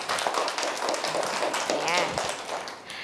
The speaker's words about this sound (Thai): เยี่ยมเลยค่ะปรบมือให้เพื่อนๆด้วยเก่งมากๆเลยค่ะ